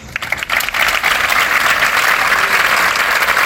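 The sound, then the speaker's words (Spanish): Workers of the San Juan de Dios Social Centre in Málaga applaud in farewell, a dense and loud wash of clapping that holds constant throughout without any talking. “Era el aplauso con el que le han despedido sus trabajadores del Centro Social San Juan de Dios de la capital malagueña.”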